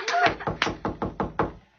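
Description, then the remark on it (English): Knocking on a door, a quick, steady series of about six firm raps, with a brief voice-like sound at the start. “I'll get the door.”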